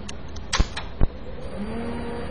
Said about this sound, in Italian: La macchina si è avviata, vale a dire che il processore si è acceso.